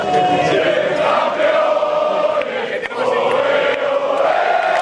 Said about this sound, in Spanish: Era el sonido de los jugadores, de todo el equipo técnico aplaudiendo y también trabajadores de la Casa Real. Todos celebrando junto a los reyes, la princesa Leonor, la infanta Sofía.